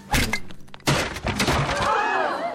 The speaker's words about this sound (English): Did you see that? Shot the lamp off the ceiling without even looking. Fell right down on him. Knocked him out cold.